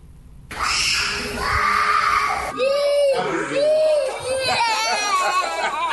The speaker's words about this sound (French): Des cris, des larmes, des refus de rester en classe. Pour certains enfants de l'école maternelle, le premier jour est une véritable épreuve. Séparés de leurs parents et plongés dans un nouvel environnement, les tout-petits ont du mal à s'adapter.